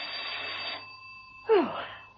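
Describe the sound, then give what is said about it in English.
A doorbell rings at Mrs. Emma Peel's home in two bursts, a bright, buzzy ring that fades and then a sharper second ring, over a faint steady hum. No one speaks. “Mrs. Peel was taking a quiet rest, her feet up and a harmless novel on her lap, when the doorbell rang.”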